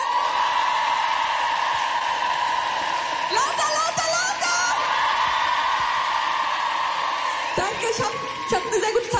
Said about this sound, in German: Und als letztes bitte ich euch, macht nochmal einen fetten, fetten Applaus für die tolle Band.